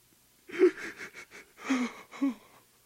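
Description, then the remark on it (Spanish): A man as Jesus sobs and weeps in shaky, breathy bursts, a run of quick catching gasps followed by two longer wavering cries, with no words spoken. “Jesús está llorando. Está sollozando. Se estremece.”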